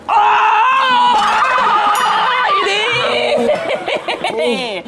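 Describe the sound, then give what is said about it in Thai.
A person imitates a cow mooing with loud, drawn-out wavering vocal tones that slide up and down in pitch, mixed with bursts of laughter, lasting the whole few seconds. “ทำยังไง วัวร้องสิ ร้องว่า”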